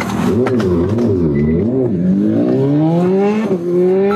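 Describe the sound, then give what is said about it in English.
A yellow and black motorcycle's engine revs loudly, its pitch wavering through a few quick throttle blips before climbing steadily as the rider takes off from police, speeding southbound on Sandgate Road at over 180 kilometres per hour, with no talking. “The rider taking off.”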